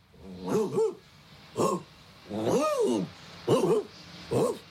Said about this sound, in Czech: S nikým nemluví, že ano? No, jenom štěká.